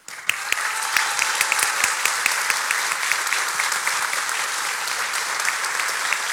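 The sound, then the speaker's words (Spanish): Sustained audience applause at a speech, dedicated in part to the speaker's family: many hands clapping in a dense, crackling wash of bright sharp claps that stays fairly loud and steady throughout, with no voices standing out. “Por eso, hoy quiero que una parte de este aplauso también sean para ellos.”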